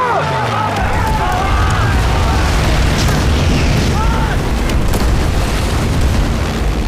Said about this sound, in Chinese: 飞机，飞机来轰炸了！ 飞机， 飞机， 快快 快！